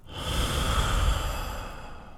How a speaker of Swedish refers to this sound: Ska vi prova då? Vi andas in genom näsan. Så ska vi räkna till 3 där då.